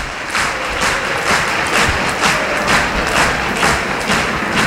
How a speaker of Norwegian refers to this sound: Publikum har reise på Aker stadion. Og står og klapper, og det bra. Det fortjener guttene I dag.